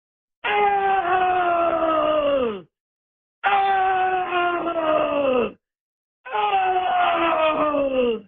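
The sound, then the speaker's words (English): A human voice imitates a black bear that was in a flock of sheep at the bottom of a canyon on the North Sand Pitch of the Manti La Salle: three long, loud, drawn-out groans, each about two seconds and sliding downward in pitch, separated by short pauses. “And he had one of my sheep up there, I think, because I heard him go, "Oh!”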